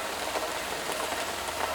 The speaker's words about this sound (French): Moi, la nuit, j'aime la pluie qui tombe. Dans la fenêtre, elle fait tac, tac, tac, tac, tac. Parce que ma fenêtre, elle est dans le toit.